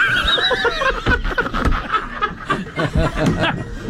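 A high, quavering horse whinny opens loudly, then breaks into a run of quick, breathy, chuckling snorts that continue to the end.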